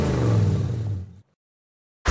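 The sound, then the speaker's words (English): A Commodore VK5 Leader car engine revs loudly for just over a second with a deep rumbling drone, then cuts off abruptly into silence before a short burst of sound at the very end. “when I get into my Commodore VK5 Leader, I listen to 106.9 Gave FM.”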